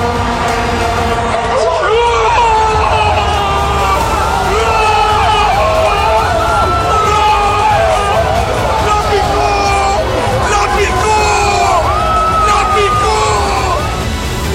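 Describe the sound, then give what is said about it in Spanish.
A dense crowd roars continuously as it cheers a goal, with overlapping shouts and yells rising out of the din, loud throughout, like a stadium erupting in cheers. “Volvé a gritar esos goles que recordás para siempre.”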